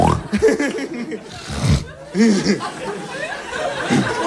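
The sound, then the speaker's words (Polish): A person imitates a pig's squealing with a run of short, high, nasal vocal bursts, fairly loud, in an uneven rhythm, with breathy laugh-like sounds mixed in. “Ale bo ta świnia mi książkę zgryzła, wszystko podziurawione w ślinie, jak się może...”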